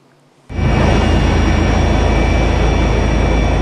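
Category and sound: vehicle, helicopter engine and rotor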